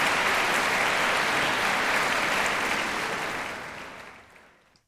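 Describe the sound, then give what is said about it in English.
An audience applauds steadily at the close of the final concert of the 102nd Herald Sun Aria competition for young Australian opera singers, a dense wash of many hands clapping at once, holding loud for several seconds before gradually thinning and fading out near the end. “I'm …, and another round of applause for the Herald Sun Aria's final.”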